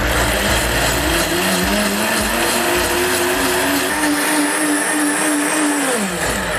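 A blender grinds 100 grams of soaked, peeled peanuts and 20 grams of rice in 1 litre of water for peanut soup, a loud, steady motorized whir with a sustained pitch that wavers slightly and rises toward the end, running continuously without any talking.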